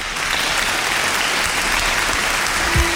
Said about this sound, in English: I'm basking in it. Basking in the applause. It's so rare.